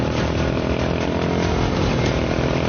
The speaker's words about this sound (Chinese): 小心，小心你的摩托！